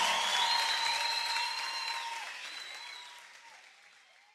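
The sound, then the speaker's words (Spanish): A crowd applauds in a dense wash of clapping that gradually fades over a few seconds, with a faint high tonal sweep gliding over the applause. “aplauso para ustedes.”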